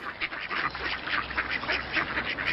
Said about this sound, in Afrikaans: En toe is daar skielik 'n klomp eende en ganse ook op die boot.